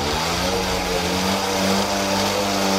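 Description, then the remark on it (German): Engines of about 30 mopeds and mofas on the Momoto charity tour through Ostwestfalen, from Delbrück to Kirchlengern in constant rain, drone and rev steadily, a dense buzzing hum with rising and falling pitch, with no voices. “Und das gilt auch für Mofa- und Moped-Fans. 30 davon sind heute durch Ostwestfalen gefahren, obwohl es unentwegt geblästert hat.”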